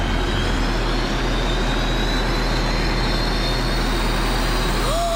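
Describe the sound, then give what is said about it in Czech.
Auxiliary ultra-plutonium engines being switched on roar steadily and loudly throughout, a dense rumbling wash with a faint high whine running over it and a brief rising tone near the end. “Držte si kožichy, zapínám přídavný ultraplutoniový motory.”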